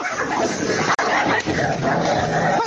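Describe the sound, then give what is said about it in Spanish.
Two dogs, Brujita and Campanita, fighting, a loud, continuous tangle of snarls, growls and sharp yips with barely a pause, no voices over it. “Se están peleando la brujita con la campanita.”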